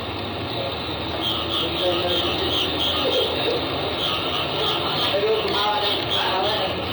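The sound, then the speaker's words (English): A dense, steady nighttime chorus of frogs and birds in Bangkok, Thailand, with overlapping chirps and croaks forming a constant racket, while men speaking Thai murmur faintly underneath. “Oh, you can hear those frogs and birds.”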